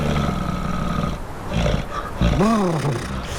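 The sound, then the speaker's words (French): A very large animal of the Canadian Far North gives heavy, rumbling breaths and low growling calls that rise and fall over gusts of icy wind and small Atlantic Ocean waves, with one louder groaning call near the end. “J'entends le souffle lourd et caverneux d'une très grosse bestiole qui résiste aux températures extrêmes du Grand Nord canadien.”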